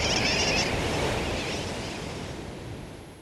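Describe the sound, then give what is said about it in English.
Sooty tern calls ring out briefly over a steady, roaring wash of surf, strongest at the start before settling into a dense, noisy colony-and-wave backdrop that slowly fades. “Some say sooty terns derive their nickname wide awake from the kerwacky-whack or wacky-whack of their calls.”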